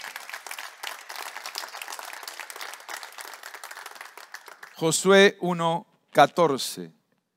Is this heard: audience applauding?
yes